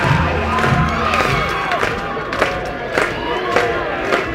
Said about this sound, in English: Capacity crowd in full throat. Clapping on Lally.